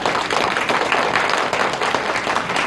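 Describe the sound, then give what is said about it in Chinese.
A crowd breaks into sustained applause cheering for workers, a dense, steady wash of many hands clapping at once, fairly loud, with no voices standing out. “今天我们欢聚一堂，就让我们一起为劳动者们欢呼，为这个时代喝彩。”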